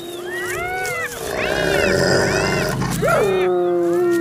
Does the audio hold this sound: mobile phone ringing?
no